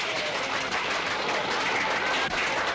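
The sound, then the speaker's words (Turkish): A large crowd applauds a graduate's diploma speech thanking the family: a steady wash of many hands clapping densely and continuously at an even loudness for about three seconds, with no voices standing out. “Siz beni değil, ben sizi alkışlamalıyım.”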